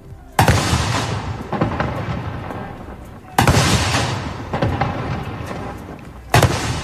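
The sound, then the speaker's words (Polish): Three loud cannon blasts of a ceremonial salute fire roughly three seconds apart outdoors at dawn at Westerplatte in Gdańsk, Poland, marking the anniversary of the outbreak of World War II; each a sharp boom followed by a long rolling echo that fades before the next shot. “Salut armatni!”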